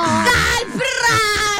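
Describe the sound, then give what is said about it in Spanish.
A person gives a loud, drawn-out, high-pitched football goal-celebration shout, the voice wavering and straining in a few long, elongated bursts with no other sounds around it. “¿Cómo va a ser ese primer gol? Ojalá que lo haga Colombia. ¿Ustedes cómo lo gritarían?”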